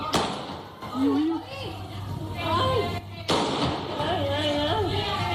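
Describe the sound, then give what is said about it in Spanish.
Three sharp, loud gunshots ring out at irregular intervals, each a sudden echoing crack, fired by a suspected 57-year-old bank robber at local police officers as he left a bank in Puerto Serrano, Cádiz, Spain, while agitated voices shout and call out throughout in the background. “Son disparos del presunto atracador de 57 años que abrió fuego al verse sorprendido por agentes de la policía local.”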